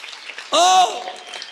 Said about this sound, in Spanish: Démosle un fuerte aplauso al Rey. Todos los discípulos de Cristo, denle un aplauso al Señor. Pero déselo bien fuerte a todos los discípulos de Jesús.